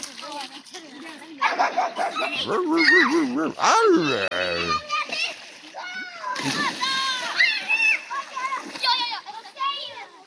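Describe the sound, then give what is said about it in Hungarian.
A dog barks and yips repeatedly over splashing and sloshing water, with excited voices mixed in throughout the short, busy stretch. “Itt csobog és ugat a Tilos Rádió.”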